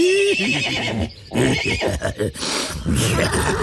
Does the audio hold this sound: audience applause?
no